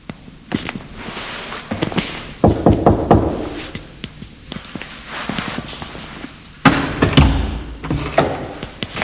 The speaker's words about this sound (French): Je vais essayer d'aller toquer à la porte.